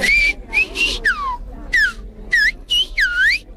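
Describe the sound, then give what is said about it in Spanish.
A loud whistled phrase in the Canarian whistled language, whistling a welcome to His Holiness: about eight piercing whistled segments with rising and falling glides, paced like spoken syllables, with no voices alongside. “Háganos un bienvenido a su santidad para cuando lo escuchemos reconocerlo.”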